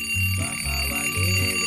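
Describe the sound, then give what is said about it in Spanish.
An alarm clock rings loudly and without a break at about 6:10 in the morning, its steady, piercing electronic tones layered over a pulsing lower buzz that swells and drops in short bursts. No voices are heard. “No lo apague. No lo apague.”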